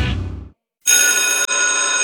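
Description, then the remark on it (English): A loud electric school bell at a college rings continuously for over a second, with a brief hitch partway through, bright and metallic, following a short burst of low music and a moment of silence. “Anderson College's school bell is ringing just for you.”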